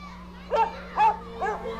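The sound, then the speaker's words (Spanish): A small dog, playing, yaps three times in quick, evenly spaced high-pitched bursts, with a steady low hum in the background. “Ese perrito se raspó la pata jugando.”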